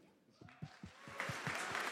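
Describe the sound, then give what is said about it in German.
An audience at the Republika conference breaks into applause, starting with a few scattered claps and swelling into a steady, dense patter of many hands clapping, fairly soft overall. “Das heißt, ein großer Applaus für uns als Menschen.”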